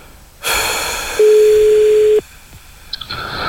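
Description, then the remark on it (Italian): A single steady telephone ringing tone lasting about a second, heard over a hissy phone line, followed by quiet line noise and a few faint clicks. No one speaks. “Non risponde. Non risponde. Sì, adesso risponde.”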